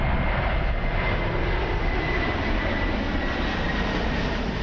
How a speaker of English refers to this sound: You either love it or hate it, the sound of a plane flying overhead. But what if I told you there's a place you can see it and hear it where it won't ruin a good night's sleep? Well, from today, that place is Fellowship Place at Brisbane Airport.